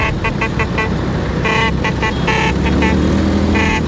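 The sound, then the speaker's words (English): Vespa scooter engines drone steadily while many horns toot in short bursts, some overlapping, creating a loud, busy street-parade clamor, as thousands of scooter enthusiasts gather in Rome to celebrate the Vespa's 80th anniversary. “Thousands of scooter enthusiasts are in Rome this weekend to celebrate the 80th anniversary of the Vespa.”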